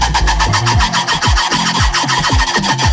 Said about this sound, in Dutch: Een buurbewoner dacht al dat er iets speelde, want die hoorde vanochtend het opvallende geluid van die half-aap. Ja, ze kunnen zo geluid maken.